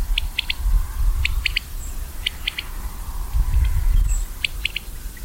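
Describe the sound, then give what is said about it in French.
A common quail sings its three-note call, a sharp rhythmic "wet-my-lips" repeated in several phrases over a low rumbling background, with no talking. “On commence par cet oiseau qu'on entend ici, c'est la caille des blés.”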